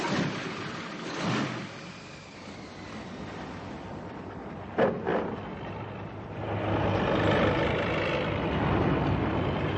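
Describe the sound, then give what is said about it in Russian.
An all-terrain vehicle engine runs steadily, a broad rumbling drone that swells louder in the second half, with a couple of brief sharp knocks midway and no voices. “Хороший вездеход.”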